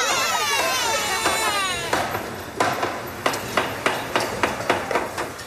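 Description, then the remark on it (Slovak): In a metalworking workshop where bicycles are made, a shrill, wavering mechanical whine gives way to a series of sharp metallic hammer blows, about ten of them, ringing at a steady and then quickening pace, fairly loud. “Videl som brúsku, sústruh aj iné užitočné kovoobrábacie stroje. Pôsobilo to na mňa hlučne a trochu nebezpečne.”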